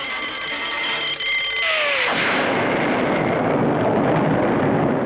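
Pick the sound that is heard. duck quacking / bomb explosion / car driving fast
bomb explosion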